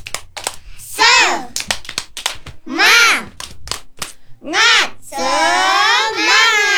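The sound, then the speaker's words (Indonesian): Children clap the Indonesian 'tepuk semangat' (spirit clap) in quick rhythmic bursts, sharp hand claps in sets, between loud shouted chant phrases in high voices, ending with a long, strained group shout. “Tepuk semangat.”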